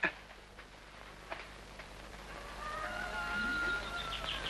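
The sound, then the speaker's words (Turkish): A rooster crows, one long drawn-out call filling the second half, over steady outdoor background noise with a few faint earlier chirps and clucks. “Kalk ulan Veli, horozlar öttü, kalk!”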